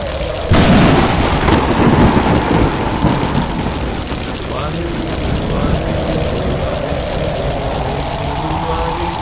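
A thunderous firestorm effect bursts in suddenly after a brief moment, then rolls on as a loud, dense roar and rumble that gradually eases but keeps going to the end.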